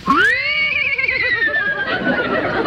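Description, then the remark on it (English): A man imitates a horse whinny: a loud, high, quavering neigh that wavers rapidly in pitch and trails off into a breathy, snorting finish. “I can do a horse. Will you imitate a horse?”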